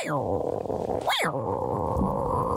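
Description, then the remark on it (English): A person lets out a long, rough growl imitating a tiger, rumbling low and steady for a couple of seconds with a brief rising snarl partway through, fairly loud. “Had to give a good old tiger growl.”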